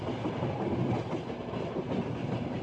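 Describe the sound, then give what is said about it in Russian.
An old train travelling from Chimishoara rattles along the rails with a steady rumble and continuous clattering of the wheels. No one speaks over it. “Допотопный поезд довез меня от Чимишуары до места в пределах досягаемости от моей цели.”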